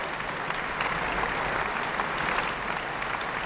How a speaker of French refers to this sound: Des applaudissements chaleureux du public pour Igor Levit, pianiste, et ce concerto que nous avons entendu avec l'orchestre de chambre de Lausanne, dirigé par Renaud Capuçon.